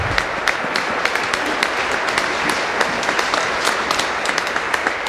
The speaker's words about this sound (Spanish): Un aplauso a la Virgencita, que siempre está con nosotros.